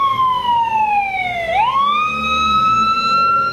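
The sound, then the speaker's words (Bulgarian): An ambulance siren wails loudly, its pitch sliding down and then sweeping back up, with a low vehicle engine rumbling underneath. An emergency ambulance crew is setting off a minute after a call, heading to the mountain hamlet of Lazhichnik by the village of Buk, 28 km from Krumovgrad near Bulgaria's border with Greece. No one speaks. “Екипът тръгна с линейката минута след сигнала.”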